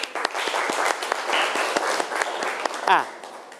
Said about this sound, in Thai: ครับปรบมือเพื่อนหน่อยครับ